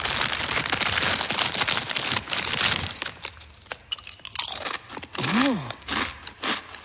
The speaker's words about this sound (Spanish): que mete al inicio de la canción como saca unas patatas fritas y se las come.